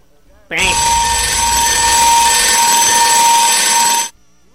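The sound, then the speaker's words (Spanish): A loud, harsh electronic alarm blares continuously for about three and a half seconds, a steady buzzing tone with strong high harmonics, starting abruptly and cutting off just as suddenly. “Alarma, por favor. La alarma.”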